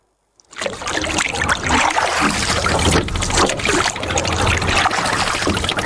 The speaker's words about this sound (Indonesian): Pagi hari di Teluk Kendari, di antara perahu-perahu kecil yang bergerak di permukaan air, seorang perempuan berusia 70 tahun mulai mendayung.